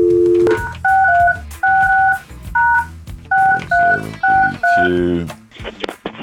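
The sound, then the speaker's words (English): A rapid series of touch-tone phone dialing beeps as a phone call is placed, about eight short, clear tones in quick succession, loud, with a low muffled background rumble underneath. “We're going to get him on the phone and see if we can match up these answers.”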